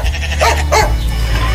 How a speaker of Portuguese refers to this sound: O cachorro latiu.